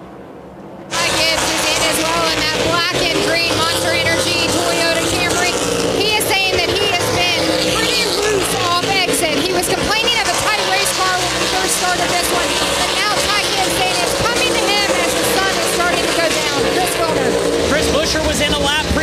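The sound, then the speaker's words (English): Race car engines hum and rev steadily along pit road, a continuous loud mechanical drone with voices talking over the busy, crowded background. “Other cars continuing up and down pit road.”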